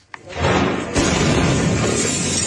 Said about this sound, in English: At the moment, a powerful blast shook a neighbourhood of Viacha, shattering windows and sending traumatised people scurrying for shelter.